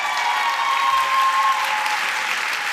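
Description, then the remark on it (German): Loud, sustained applause and cheers from a large crowd fill the Kaisersaal of the Frankfurter Römer, Frankfurt, for author Shada Basia at the book prize ceremony of the Börsenverein des Deutschen Buchhandels, dense and steady throughout, with a faint whistle or cheer rising briefly above the clapping. “Applaus und Jubelrufe im Kaisersaal des Frankfurter Römers für Shada Basia.”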